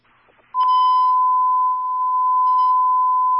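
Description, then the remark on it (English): A fire station dispatch alarm tone for Engine 11: one loud, steady, mid-pitched electronic tone holds unbroken for about three seconds after a brief moment of faint background noise, with no talking. “Engine 11 alarm.”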